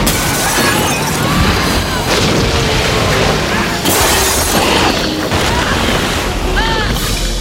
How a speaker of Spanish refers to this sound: Dentro el agua tapa el bello reloj que hay en el descansillo y los ventanales van reventando por la presión.